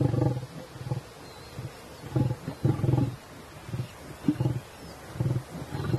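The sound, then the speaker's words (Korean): A dominant male lion growls low and rough at young lions that had just been feeding, in a series of short, rumbling bursts repeated every second or so, with no voices present. “이번엔 우두머리 수컷이 조금 전 먹이를 먹이던 어린 사자들에게 으르렁거리죠.”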